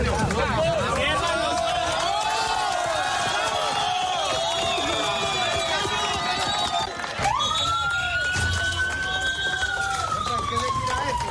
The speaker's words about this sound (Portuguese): enquanto as equipes e os parentes gritavam de alegria.